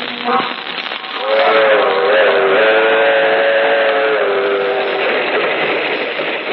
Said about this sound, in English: That train is the Southeast Limited. See it? Long, sleek, and powerful. Ticking off the miles on the humming rails. A masterpiece of 20th century mechanical perfection.